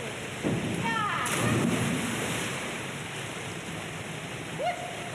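A single splash of a female diver plunging feet-first into pool water from the top of a three-metre springboard, her body stretched and arms at her sides. A short surge of spray over a constant noisy background, with faint voices calling out.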